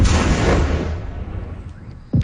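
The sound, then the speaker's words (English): A loud, heavy explosion from an overnight Russian drone and missile attack on Kyiv, Ukraine, booms and rumbles, then fades into a long reverberating decay, before another sharp blast hits near the end. “Loud explosions rocked Kyiv for hours as the city was hit by hundreds of drones and missiles.”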